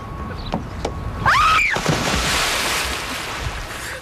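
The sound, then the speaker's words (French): A sudden loud splash as someone plunges into water, followed by several seconds of churning, rushing water noise; a brief whooping cry rings out at the moment of impact. “Faire une première émission, c'est un peu comme se jeter à l'eau. Et là, je vais vous faire une démonstration.”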